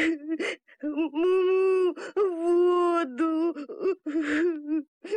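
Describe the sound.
A voice acts out a calf's bitter sobbing: drawn-out, wavering wails broken by sharp gasping breaths, loud, with a single word spoken briefly in between.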